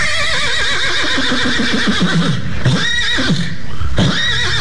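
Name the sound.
horse neighing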